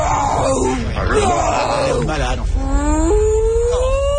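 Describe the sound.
A voice, as Dory from Finding Nemo, imitates a whale call with long, drawn-out moaning tones that waver and slide upward in pitch, fairly loud, with no actual talking.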